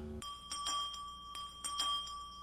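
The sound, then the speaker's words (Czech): A bell rung by someone rings steadily, its sustained tone holding throughout with bright metallic overtones and a few stronger strikes pulsing through, fairly quiet but clear with no voices. “Někdo zvoní.”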